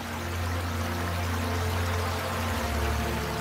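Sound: flowing stream water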